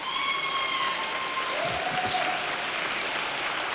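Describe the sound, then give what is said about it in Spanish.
An audience of migrants claps steadily, a dense, even wash of applause that holds at a constant level for several seconds, with a faint tone or two drifting through. “Como usted no es migrante, no aplaude, pero los migrantes se aplauden.”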